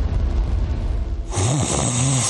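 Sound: person snoring loudly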